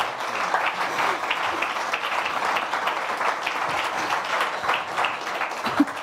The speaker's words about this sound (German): Und noch mal ein Applaus, bis du auf der Bühne bist.